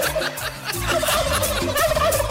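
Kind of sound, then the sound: bird, turkeys gobbling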